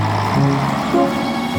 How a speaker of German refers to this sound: Mike steigt in seinen Wagen und fährt davon.